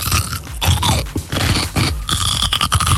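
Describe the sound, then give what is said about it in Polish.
Loud, wet crunching as a pickled cucumber (or a lightly salted one) is bitten and chewed for a radio guessing game, with repeated crisp bursts in an uneven rhythm and no talking over it. “Ogórek kiszony, no, nie. Albo mało solny.”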